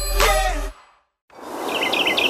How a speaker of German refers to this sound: Wann hast du das letzte Mal echte Stille gehört? Nur Vogelgezwitscher, frische Landluft und ganz viel Natur.